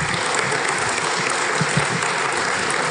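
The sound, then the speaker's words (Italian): Steady audience applause for the protagonist of the day and the director of a documentary film fills the whole stretch, a dense, even patter of many hands clapping at constant loudness with no voices rising above it. “Accompagniamo con un applauso la protagonista di questa giornata,”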